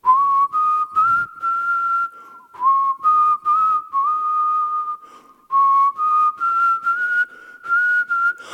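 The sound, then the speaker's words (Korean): A person whistles a whole song on the radio show Gayo Gwangjang, a bright, bouncy melody phrase after phrase with short breaths between, the pitch stepping up and down in a lively rhythm with no talking. “아 이거 휘파람 길게 부르 이거 한 곡을 휘파람으로 부르는”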